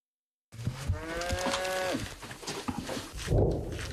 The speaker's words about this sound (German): In der Nähe unserer Stellung laufen Kühe herum. Dort, wo die Minen liegen.